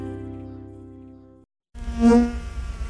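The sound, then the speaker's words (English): A bee buzzes in a steady, droning hum, stops briefly, then buzzes again more loudly, swelling and wavering. No one speaks. “Hello there, my friend. I am a queen bee.”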